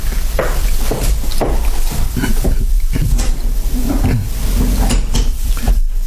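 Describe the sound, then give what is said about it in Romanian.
A door bolt is slid shut: a series of sharp wooden and metallic knocks and scrapes over a few seconds, with a low hum underneath and nobody speaking. “Pune zăvorul. Așa.”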